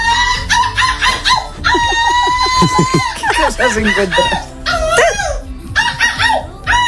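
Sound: person imitating seagull calls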